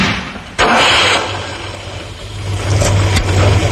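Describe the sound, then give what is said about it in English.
A Ford Capri's 3-litre V6 car engine suddenly roars to life and revs loudly, its deep throaty rumble swelling and climbing again toward the end, powerful with no voices. “With a choice of engines, including a new 3-litre V6.”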